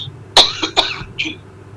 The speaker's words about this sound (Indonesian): Batuk, Ustaz.